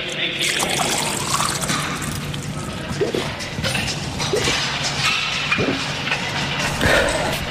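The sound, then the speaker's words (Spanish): Water is poured for a drink during a rest break in a workout, a steady, continuous splashing trickle lasting several seconds with a few brief knocks and clinks along the way. “hemos descansado para beber agua.”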